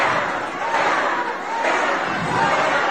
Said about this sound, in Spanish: Van a oír una rechifla que se llevó la presidenta. Punto. Adelante. Va. Fuera, fuera, le gritan.